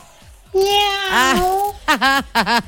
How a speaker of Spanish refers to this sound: Aquí te saluda la gatita. Miau, la gatita chica,